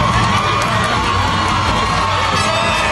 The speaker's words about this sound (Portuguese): Na segunda tentativa, Casimiro subiu lá no segundo andar. Empate, delírio da torcida.